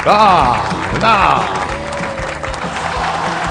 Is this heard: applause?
yes